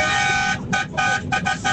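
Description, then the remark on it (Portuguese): A loud truck horn, on a truck just arriving in São José do Rio Preto, Brazil, blares in one long honk, then follows with four quick short toots in a rapid rhythm. “Vai uma buzinada aí, hein?”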